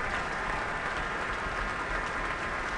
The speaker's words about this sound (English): But the applause is continuing, and the applause both from the audience and from the orchestra.